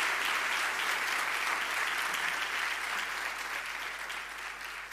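Sustained audience applause, a dense steady wash of many hands clapping at fairly even loudness, tapering slightly toward the end. No voices are heard over it.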